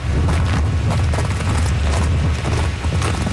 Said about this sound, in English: Oh God, the wind will take you away. Okay. Newfoundland is one of the windiest places in the world.